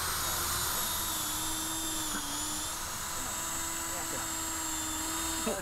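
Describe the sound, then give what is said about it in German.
A power drill runs continuously, its high motor whine steady and loud for several seconds as it bores holes of sizes 6, 8 and 4 into wood to make a bee hotel, dipping slightly near the end. “6, 8 und dann habe ich noch einen 4er-Bohrer, dass wir dann nachher, wenn wir eine gebohrt haben, dass wir dann nochmal umstellen.”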